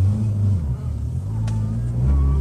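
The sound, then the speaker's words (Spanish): A car engine rumbles loudly and steadily, its low droning tone rising and falling in pitch as it revs, with a brief higher-pitched whine partway through, as thieves drive the stolen, loaded car away. “Están los manes que me están robando el carro.”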